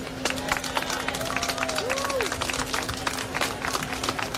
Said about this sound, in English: Let's give another round of applause for that beautiful poem.